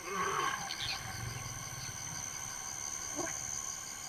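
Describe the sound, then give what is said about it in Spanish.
A lion roars in low, rumbling grunting pulses, set against a constant high chorus of night insects. “Los leones son los líderes nocturnos, pero mientras se mantenga en el dosel del bosque estará a salvo.”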